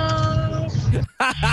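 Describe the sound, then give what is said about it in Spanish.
A voice imitates a cat's meow, "miau, miau, miau, miau", in quick, bright repeated cries, loud, over a busy background of music and other sounds, with a brief dip into near silence between calls, on a live morning radio show. “¡Miau, miau, miau, miau!”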